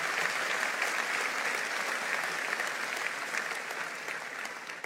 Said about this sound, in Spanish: Vamos, dale un aplauso al Señor fuerte.